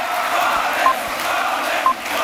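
A rally crowd at a political meeting cheers guest of honour Boualem Sansal in a steady, dense roar that holds at an even loudness throughout, with two short, piercing whistle-like tones cutting through about a second apart.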